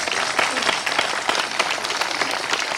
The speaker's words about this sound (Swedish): Välkommen. En applåd är han faktiskt värd.